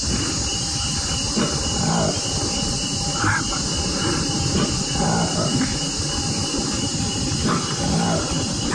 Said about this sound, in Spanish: ¿Usted escucha ese? ¿Lo escucha? Claro. No es un cerdo gigante, ni tampoco es el rugido de un felino, no. Es una nueva especie de simio, un mono que encontraron en el África, más exactamente en la República Democrática del Congo.